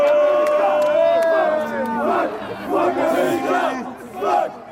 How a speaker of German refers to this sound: Unter den belgischen Fans macht sich hörbarer Unmut breit.